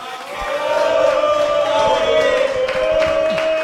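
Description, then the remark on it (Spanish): A gathered audience gives a loud, steady reaction of applause mixed with sustained cheering voices, holding at an even level for a few seconds without any speech over it. “estamos aquí reunidos con toda esta... aplausos, escuchen.”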